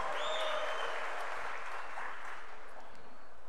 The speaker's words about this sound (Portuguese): O segundo mais aplaudido é o Danilo, do Botafogo.